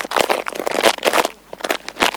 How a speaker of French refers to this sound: Les feuilles qui craquent. On a fait des bruits de feuilles mortes, on les a écrasées et froissées.